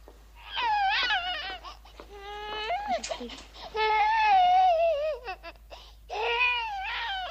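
An infant wails in long, rising and falling cries, loud, with brief pauses for breath between bursts over about seven seconds.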